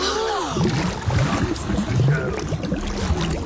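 Steady lapping and splashing of water as a bird swims on its floating nest, with a soft gurgling texture and a brief tonal call near the start, all at a moderate, even level.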